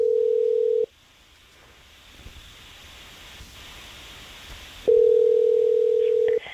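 A steady, low electronic telephone tone as a radio show calls a listener on the phone, cuts off abruptly, and returns after about four seconds of faint background hiss, as if heard through a phone line.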